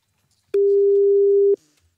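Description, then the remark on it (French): A single telephone ringback tone while calling a contractor: one steady, clear, fairly loud beep of about a second that stands alone against near silence, with no voices. “appeler l'entrepreneur, on espère que il va nous répondre, ce qu'il ne fait plus trop avec Chantal. Et au moins ça sonne”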